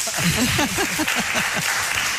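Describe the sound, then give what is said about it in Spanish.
A small radio-show audience claps steadily for a couple of seconds to thank the guests, a dense patter of hands with voices murmuring underneath. “Seamos poquitos, aplausos.”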